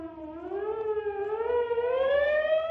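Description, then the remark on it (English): A police siren wails on its own in the distance, a long sustained tone sweeping slowly upward in pitch and growing slightly louder as it gets closer. “In the distance sounds the wail of a police siren getting closer.”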